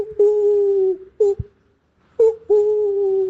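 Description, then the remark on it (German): A person imitates an owl with a series of hoots, sent as a WhatsApp voice message to a radio owl-call contest: a long, steady mid-pitched hoot and a short one, a brief pause, then a short hoot and another long, drawn-out hoot. “Via WhatsApp könnt ihr noch eine Sprachnachricht schicken mit eurem schönsten Eulengeräusch.”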